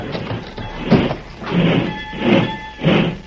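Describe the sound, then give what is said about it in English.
A heavy boxcar door grinds and rumbles along its track in several rough surges, a thin metallic squeal running through the middle as it is hauled shut. No one speaks. “Better pull the door, Sam.”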